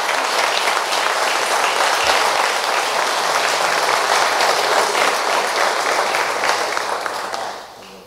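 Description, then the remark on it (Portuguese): An audience claps for Jesus steadily for several seconds, a dense, loud wash of overlapping handclaps that holds even and then tapers off at the end. “E palmas para Jesus.”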